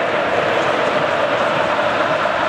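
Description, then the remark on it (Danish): A steady, loud wash of football stadium crowd noise during a match, fans standing and swinging their scarves and shirts, a dense roar of many voices blending into one continuous din with no single voice standing out and no pauses. “Jeg tager lige 10 sekunder, hvor I bare lige kan høre den her stemning her.”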